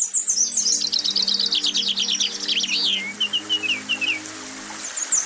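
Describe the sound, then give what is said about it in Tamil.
Lively birdsong, with rapid high chirps and trills from several birds, runs throughout over the steady rushing wash of a waterfall. No one speaks. “அப்பா அந்த பக்கம் போகலாம், அருவி சத்தம் கேட்குது.”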